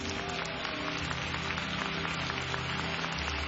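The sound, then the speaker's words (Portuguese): A church audience claps together in praise to the Lord in a steady, dense patter that holds at an even level throughout, with a low hum of voices and tones underneath. “Pode louvar ao Senhor com palmas.”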